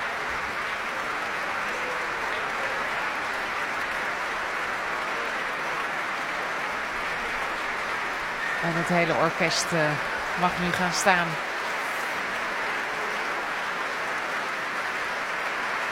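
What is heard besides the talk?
concert hall applause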